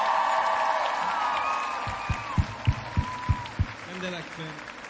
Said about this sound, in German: können wir einmal Applaus haben für die Leute von der Bühne.